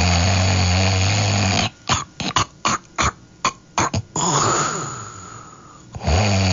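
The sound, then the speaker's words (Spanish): Loud, raspy snoring of a neighbour who fell asleep at karaoke, picked up through the open karaoke microphone at 2 or 3 in the morning, with low rumbling tones. The sound cuts in and out in rapid choppy bursts midway, then resumes as a long drawn-out snore. “Dice Paco, que alguien de mis vecinos se queda dormido con el karaoke y el micrófono abierto.”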